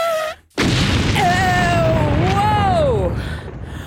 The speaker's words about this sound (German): Okay, vielleicht hilft dann nur noch eine Explosion.